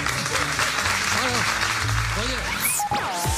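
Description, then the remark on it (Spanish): A crowd claps steadily and loudly for a few seconds, with scattered cheers and voices mixed into the dense applause and a brief whistle near the end. “Un aplauso para esta”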